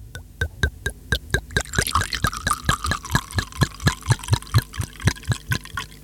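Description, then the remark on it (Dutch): A drink glugs steadily out of a bottle into a glass, a quick, even series of gurgling pulses with a splashy, bubbling fill in the middle, fairly loud, with no talking. “En wat doen we met het glas? Schenken, schenken.”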